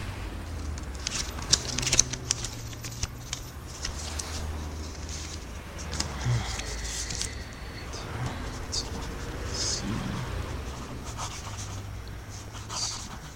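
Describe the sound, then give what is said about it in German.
A pen scratches across paper in short, irregular strokes, writing down a phone number circled in red in a phone book, inside a phone booth, against a low background hum. “Im Telefonbuch auf Seite 156 ist eine Nummer mit rotem Stift eingekreist. Schreiben Sie sich die auf.”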